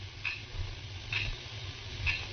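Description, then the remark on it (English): A clock ticks softly and steadily, three light ticks about a second apart, heard over a low, quiet background hum with no one speaking. “I could hear the clock ticking away the seconds.”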